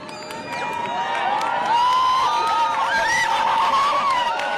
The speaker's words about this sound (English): This is people cheering that I've been able to grab from Dr. Fred Watson's page.